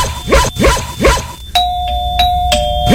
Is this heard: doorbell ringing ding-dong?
yes